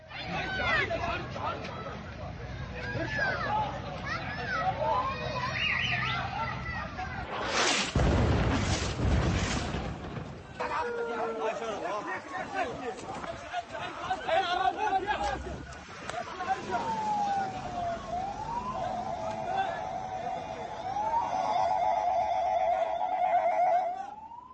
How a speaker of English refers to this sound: filmed himself near the scenes of some of the Israeli airstrikes on Tuesday and recorded civil defense crews trying to put fires out inside buildings that were targeted.